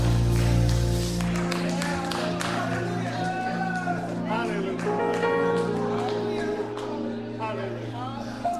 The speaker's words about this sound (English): Now you clapping like we at a golf course. Praise him like he's dependable.